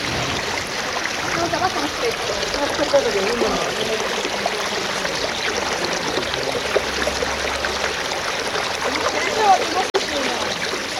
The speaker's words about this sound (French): Ici, une rivière très claire sort d'une gorge étroite et débouche de la montagne. C'est la rivière Alcantara. Et elle débouche ici dans un défilé, donc, qui est un défilé extraordinaire, de couleur grise, une roche très polie.